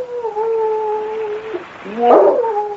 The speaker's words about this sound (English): But just the same, a dog. That's what I heard.